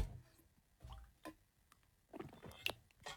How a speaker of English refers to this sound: Guys, if you have water in front of you, pop it in your gob right let's now. Let's all have a team sip, Australia. If you've got water in your hand, ready, let's all have a sip and stay hydrated. Here we go.